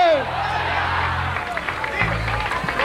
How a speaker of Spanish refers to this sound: ¡Dale un aplauso a Cristo! ¡Fuerte! ¡Fuerte! ¡Fuerte! ¡Fuerte!